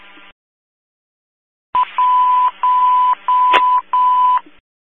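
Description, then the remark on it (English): Fire dispatch second-alert tones over a radio channel for Station 36, Whitehall Township, to assist EMS with an unconscious person: four steady, loud electronic beeps at one pitch, each about half a second long with short gaps between, after a brief silence. “Your second alert.”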